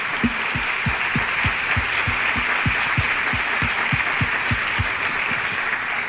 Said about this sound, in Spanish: ¿Se merecen otro aplauso, sí o no?